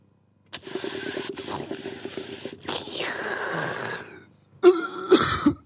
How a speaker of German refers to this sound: Nicht ins Mikrofon husten.